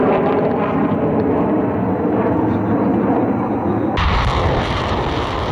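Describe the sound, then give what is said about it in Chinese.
Loud, sustained roar of artillery fire during a live joint land-air military exercise with troops from eight countries including China, Russia and Belarus, as air and ground firepower carries out long-range strikes; a dense continuous rumble with no clear separate blasts, which shifts abruptly in tone partway through. “随着陆空实兵联合演练正式展开，空地火力率先对敌实施远程打击”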